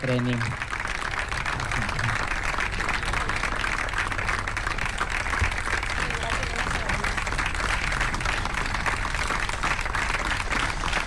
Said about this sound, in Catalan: I ara sí, fort aplaudiment per Ashley Leahy, guanyadora d'aquesta primera edició.